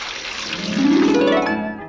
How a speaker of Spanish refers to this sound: Uno de aquellos nativos había hecho girar sin querer la llave de un grifo, y del grifo comenzó a manar agua, un agua clara, fresca, abundante.